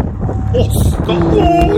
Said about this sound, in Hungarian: Ott, majd hallasz egy hangot, figyelj. Ez a szél. És egyszer csak ott jön.